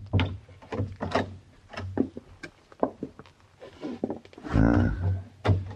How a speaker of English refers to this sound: I think this is the door, Monsieur Paladin. Okay. Now be very quiet, hey, boy.